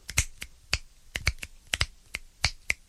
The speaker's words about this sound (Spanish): Otro tronando los dedos. O chasqueándolos.